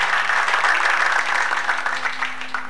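A church audience applauds together for a church elder's birthday, a dense, steady wash of many hands clapping at a fairly loud level, easing off slightly toward the end with no one speaking.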